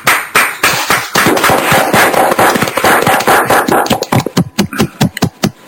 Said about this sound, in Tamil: உங்கள் கரங்களை கரகோஷம் செய்து அதை நாங்கள் வெளியிடுவோம்.